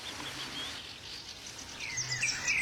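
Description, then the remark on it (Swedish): A European robin sings thin, high warbling phrases at dawn that grow clearer toward the end, set against a soft, steady outdoor hush with gulls and other birds faintly in the background. “Nu har rödhaken vaknat, va?”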